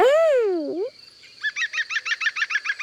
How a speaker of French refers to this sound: C'est un pivert. Le pivert tape avec son bec sur le tronc de l'arbre pour parler avec les autres oiseaux. Il tambourine.